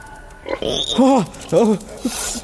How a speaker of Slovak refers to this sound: Prasiatka moje! Ako ste ma tu našli? Veď vy ste sa ku mne podrili a vykopali ste v zemi riadnu dieru. To je hotová podzemná chodba. Chápem. Prišli ste ma vyslobodiť.